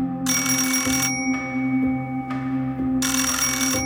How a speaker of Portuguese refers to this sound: Toca o telefone na casa dos Silva Pais, na rua de Moçambique.